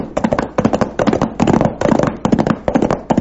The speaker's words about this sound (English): Sounds like shooting. Yeah, and if we're going in the right direction, the shooting's coming from the Charlton place.